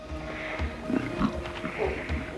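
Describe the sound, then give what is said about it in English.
Several short, low grunts and growls from a lion cub wrestling with sleeping lionesses, irregularly spaced, like playful scuffling, over a steady low mechanical hum in the background. “A lion cub pads around, wrestling with the sleeping lionesses.”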